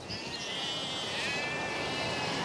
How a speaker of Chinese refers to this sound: 十来头。 十来头？ 小尾绵羊。